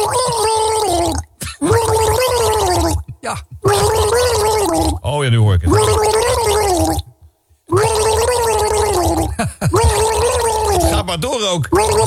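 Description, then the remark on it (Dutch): Someone gargles the melody of a record for a guess-the-record quiz, a bubbling, wavering pitched tune that runs in several long phrases with short breaks, and a voice briefly speaks over it. “Welke plaat gorgelt gorgeljoken hier?”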